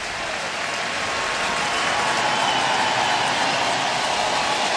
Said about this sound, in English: Crowd's starting to make some noise. The Cubs down 2-0, but threatening. First and second, nobody out.